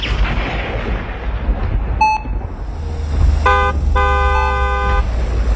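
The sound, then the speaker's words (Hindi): A car horn honks over a low engine rumble: one brief toot, then two longer blasts, the last held for about a second, fairly loud. “Horn?”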